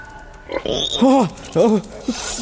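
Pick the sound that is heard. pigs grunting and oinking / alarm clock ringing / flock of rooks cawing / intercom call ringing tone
pigs grunting and oinking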